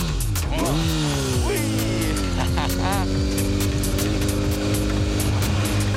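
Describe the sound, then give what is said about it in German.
A motorcycle engine roars steadily, its pitch climbing and dipping as it revs and shifts gears, with rushing wind noise throughout, during a ride with a passenger on the back seat. “Ich habe vorher noch nie auf dem Motorrad gesessen.”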